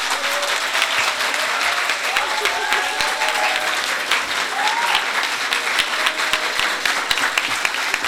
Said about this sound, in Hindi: ये भी आपके हर दिल अजीज़ हैं, आपकी भरपूर तालियों में